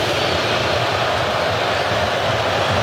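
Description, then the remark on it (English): A large stadium crowd roars loudly and steadily at the announcement of ten minutes of stoppage time in a U.S. soccer match, a dense wall of voices rising in unison without pause for about three seconds, no single voice standing out. “And you can hear how they feel about the 10 minutes.”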